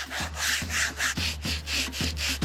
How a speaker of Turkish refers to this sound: Tamam, hadi başlayalım. Buraya biraz dolgu koyacağız ve güzelce zımparalayacağız.